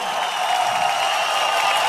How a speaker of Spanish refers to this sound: Denle un aplauso fuerte, por favor.